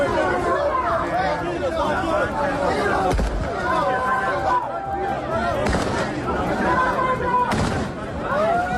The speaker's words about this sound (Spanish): Los disparos al aire